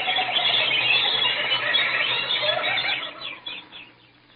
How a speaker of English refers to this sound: The birds.